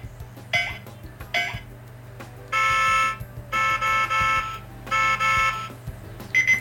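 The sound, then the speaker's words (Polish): A loud, plain electronic alarm beeps in repeated bursts, steady harmonic tones switching on and off in a regular pattern, with a few faint clicks and handling noises before it starts. “No i zwykły piszczący.”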